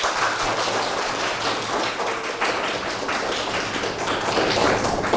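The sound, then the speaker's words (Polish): A crowd applauds steadily, dense overlapping claps at a fairly even level for several seconds without letting up. “Poproszę też o brawa.”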